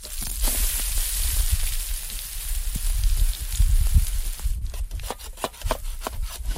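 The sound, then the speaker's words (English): Pancakes frying at a campsite on Parent Lake on a sunny day: a steady sizzle with scattered crackles and pops, and some low handling rumble underneath. Partway through, the hiss thins out and mostly sharp, irregular pops remain. “I can hear him making pancakes.”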